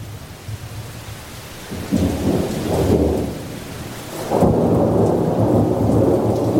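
Steady rain pours down while deep rumbles of thunder roll in, swelling loudly around the two- and four-second marks and lingering as a heavy storm with no voices.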